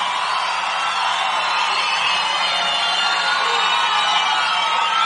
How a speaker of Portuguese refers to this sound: palmas para Teodoro Sampaio.